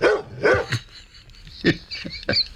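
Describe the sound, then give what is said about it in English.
A dog named Burrs barks in short, sharp bursts: a quick double bark, a pause, then a few more clustered yips, loud with no talking. “Look, I've also managed to secure an exclusive with Burrs the dog.”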